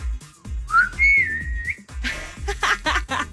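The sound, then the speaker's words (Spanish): A father's distinctive family signal whistle, sent as a WhatsApp recording: a short upward swoop into a steady, sustained tone lasting about a second, fairly loud, followed by rustling noise. “A ver, no sé, el chiflido familiar.”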